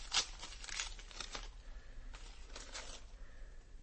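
A sealed packet of Soviet military orders is torn open, a quick series of crisp, papery rips and crinkles spread over a few seconds, fairly quiet, with no voices.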